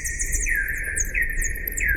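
Slowed-down bat echolocation calls: repeated sweeping chirps at a steady pace, a bright mid-pitched tone bending between two notes with thin higher overtones, over a low constant rumble.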